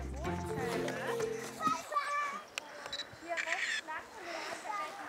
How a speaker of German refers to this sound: Hast du da gerade fotografiert? Den Bach. Warum hast du den fotografiert? Weil ich den schön finde.